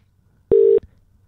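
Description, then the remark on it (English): A single short, steady, loud telephone tone sounds once as a phone call is dialed and rings, with quiet background noise before and after and no talking. “Let's dial it.”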